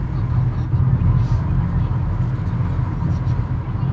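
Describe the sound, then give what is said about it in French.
A car drives along toward the Lac de Roseland with a steady low engine and road rumble that holds an even loudness throughout, with no clear stop. “On suit la voiture de Cédric aussi qui nous emmène vers ce lac.”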